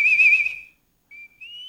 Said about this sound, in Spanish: A ver, le voy poniendo el silbadorcito, ¿no?